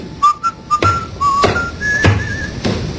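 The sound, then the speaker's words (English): A man at a baggage check counter whistles a simple tune in short, clear melodic phrases, with a few sharp clicks or knocks breaking in between notes and no talking. “It's the check you've been waiting for, that fella there, whistling.”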